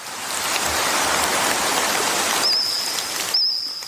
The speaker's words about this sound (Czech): Mezinárodní tým vědců zrekonstruoval zvuky jurského hmyzu, prapříbuzných našich kobylek a cvrčků. Jurský cvrkot podle nové studie mohl znít asi takhle.